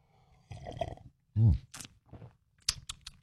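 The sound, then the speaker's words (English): Slurping of a morning drink: a run of noisy sips, a low gulping swallow, then a few sharp wet slurps and smacks, fairly quiet with short pauses between. “Let's grab a little coffee, a little juice, a little OJ.”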